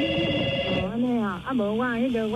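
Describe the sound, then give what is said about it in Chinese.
A telephone rings with a steady electronic tone for under a second as a call comes in on an outside line. It partly overlaps a man's voice, which then continues talking alone. “啊，你我甲电话，我先保留啊，互外线，甲你服务吼，你莫挂吼。”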